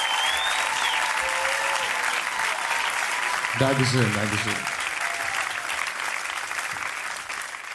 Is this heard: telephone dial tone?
no